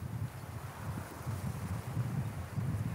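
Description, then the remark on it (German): Freshening wind blowing outdoors over the sea with waves during a drone rescue trial, a continuous low buffeting rumble with gusts rising and falling under a steady airy hiss, fairly loud, with no voices. “Trotz auffrischendem Wind und Wellengang.”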